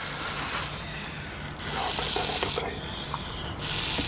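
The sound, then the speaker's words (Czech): A young non-venomous úžovka sanmartinská snake, kept by a breeder, raises its front body and vibrates its tail tip to scare off predators, making a dry, rasping buzz like a rattlesnake: a steady noisy rattle that swells in two stronger bursts over a continuous background hiss, with no talking. “Pro tento druh je totiž charakteristické, že kromě syčení dokáže k odstrašení predátora vytvořit i zvuk, který je podobný zvuku křestýše.”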